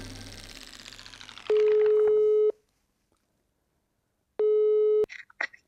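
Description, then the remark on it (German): A telephone handset is lifted with a rustle, then a steady electronic line tone sounds in two long, loud beeps separated by a pause of silence, ending with a sharp click. “Wieso nimmt sie jetzt das Telefon?”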